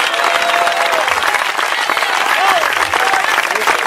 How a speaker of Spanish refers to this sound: ¿No le da motivo de darle un gloria a Dios bien fuerte? ¡Dale ese aplauso bien fuerte al Rey!